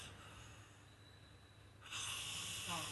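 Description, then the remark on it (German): A man snores: a low, rumbling breath is followed by a loud, rasping snort-like intake that fills the last second, with no talking. “Der Herr, der hier schnarcht”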